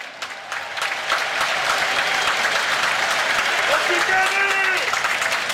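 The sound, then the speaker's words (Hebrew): A large stadium crowd stands and applauds steadily for Kenny Saief as he is substituted off in a Maccabi Haifa vs Beitar Jerusalem football match, a dense wash of clapping at constant volume, with a faint whistle-like tone rising near the end and indistinct voices mixed in. “מגיע לו, מגיע לסייף מחיאות כפיים מהקהל שקם.”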